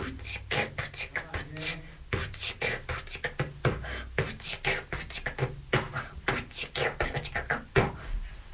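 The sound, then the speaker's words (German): A voice beatboxes alone, firing off a steady stream of sharp clicks, hissy snares and breathy thumps in a quick, driving rhythm that keeps going for several seconds. “Mit meiner Stimme kann ich Beatboxen.”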